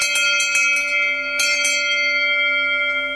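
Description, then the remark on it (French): A round bronze Aubertino cowbell, made by a foundry in the Doubs and marked La Muntasse, clangs several times in quick irregular strikes, its bright, piercing metallic tone ringing on and slowly fading after the last hits, loud with no voices. “C'est une cloche ronde, on va dire en bronze, qui fait un son très clair et très perçant.”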